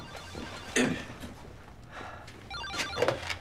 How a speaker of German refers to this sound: Sie gehen mal ans Telefon.